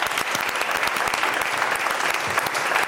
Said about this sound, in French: Déjà, vous pouvez vous applaudir, le public, parce que vous avez bien joué.